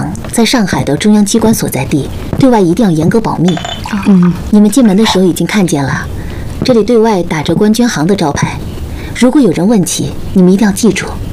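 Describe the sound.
Several light glass clinks ring out as people toast at a meal table among overlapping voices, the bright taps scattered through steady conversation that stays louder than the clinking.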